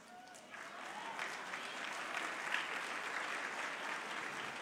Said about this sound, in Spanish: No sé por qué el aplauso de las mujeres fue muy tímido, pero está bien, por respeto a sus esposos, está bien, pero yo las veo así como aplaudiendo, como...